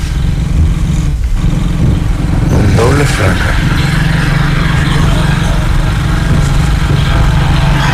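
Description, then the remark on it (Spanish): A motorcycle overtakes on a road, its engine revving and droning past over steady road and engine noise, loud, while a man speaks briefly over it. “Ahí viene una moto, ahí se adelanta.”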